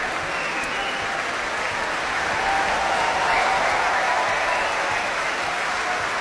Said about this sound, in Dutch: Dit applaus is voor het koor. Het Laurens Symfonisch. En daar komen de solisten weer het podium op.